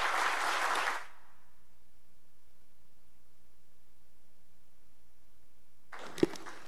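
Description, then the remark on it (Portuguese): A short burst of audience applause for the people of Dores, at a session of a legislative chamber, fades out within a second, followed by a long stretch of near silence before another brief flurry of clapping at the very end. “Uma salva de palmas para esse povo de Dores, que eu tanto amo.”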